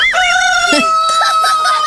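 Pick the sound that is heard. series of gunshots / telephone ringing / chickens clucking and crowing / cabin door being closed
chickens clucking and crowing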